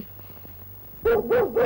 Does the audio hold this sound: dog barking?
yes